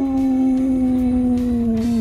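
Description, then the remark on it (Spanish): A person imitates a wolf howl with one long, loud, steady note that sags slightly in pitch over two seconds, alone without any talking. “No me sale. El aullido del lobo.”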